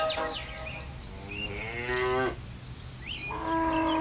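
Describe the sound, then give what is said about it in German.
Dairy cows of farmer Jan Brauer, who makes cheese from their milk, moo in Dasko near Ribnitz-Damgarten: one long drawn-out low call followed by a second moo starting near the end, over a faint farmyard background with no talking. “Dort macht Landwirt Jan Brauer aus der Milch seiner Kühe exquisiten Käse.”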